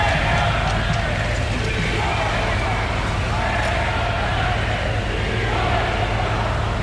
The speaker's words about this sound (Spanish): El desfile militar en la Castellana nos ha vuelto a dejar un sinfín de abucheos y de pitidos.